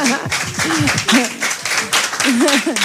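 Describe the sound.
A crowd claps steadily throughout, a dense, crackling patter of many hands, while voices talk loudly over the top of the applause.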